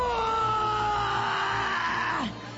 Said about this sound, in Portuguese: Ela grita de dor. Ela toma remédio, mas não adianta.